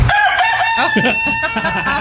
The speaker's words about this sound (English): A rooster that comes up and mocks me on my porch. Oh, no. That's not a hen.